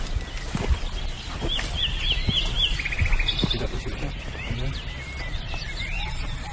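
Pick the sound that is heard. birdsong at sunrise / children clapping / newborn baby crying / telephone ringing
birdsong at sunrise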